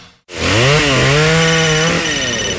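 A chainsaw roars in abruptly and holds a loud, buzzing drone, its pitch sagging briefly and recovering as it bites into wood, then running steady to the end with no voices.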